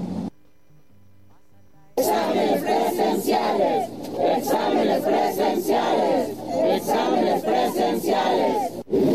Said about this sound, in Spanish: Al grito de examen limpio y transparente, alrededor de 100 aspirantes y algunos padres de familia marcharon por el campus universitario de la máxima casa de estudios.